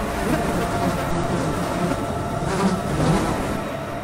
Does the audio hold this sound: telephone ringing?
no